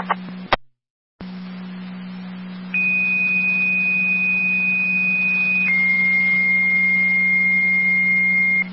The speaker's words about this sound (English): Lewiston 2, second set of tones, EMT needed for the EMS call, mutual aid to Upper Mountain.